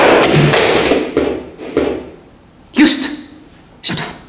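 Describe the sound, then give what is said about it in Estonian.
A phone drops onto a hard floor with two sharp, loud clattering knocks about a second apart, after a stretch of softer rustling and scraping. No voices. “Kui see telefon tõesti katki ju , see on maha kukkunud ju .”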